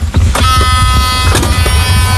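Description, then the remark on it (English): An electric cart being ridden, its motor giving a steady high whine over a continuous low rumble of wheels on the ground, with no one speaking. “Electric car.”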